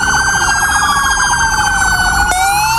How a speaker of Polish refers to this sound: A na początek hołd dla sierżanta Natana Sieronia, który tragicznie zginął podczas służby. W całym kraju zabrzmiały dzisiaj syreny policyjnych radiowozów.